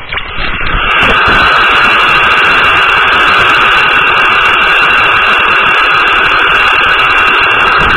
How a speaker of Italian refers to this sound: Io, siccome a un certo punto mi rompo anche il cazzo qua a ascoltare il fruscio, perché ovviamente non parlano sempre sti frusci.